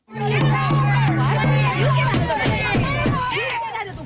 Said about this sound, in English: When he arrived, about 50 peaceful protesters were outside, but by the time he left, the crowd had grown bigger and much louder.